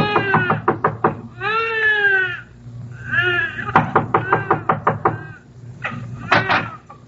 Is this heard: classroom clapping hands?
no